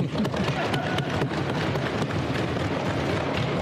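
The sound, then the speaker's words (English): An audience of colleagues at a sitting of a legislative House claps steadily for their interpreters, a dense crackle of many hands that holds at an even level for several seconds without letting up. “Now we can clap.”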